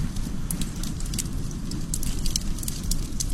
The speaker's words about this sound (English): Sometimes you need a flamethrower. While other times, a nice campfire will do.